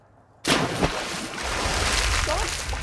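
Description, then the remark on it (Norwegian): A sudden loud splash as a snorkeler in a diving mask plunges into the water at Stamsund to search for sea urchins, followed by a steady rush of churning, bubbling water. “Dykkemaska på, snorkelen i munnen.”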